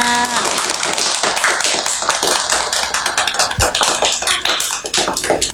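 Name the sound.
children clapping hands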